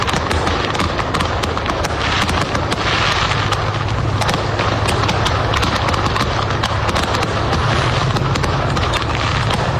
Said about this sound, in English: A truck in Tennessee exploded with fireworks. This seems to happen almost every year now. And the visuals of this were incredible. Tremendous. It was incredible, yeah. The truck was off the side of the road. That's fireworks. What a display.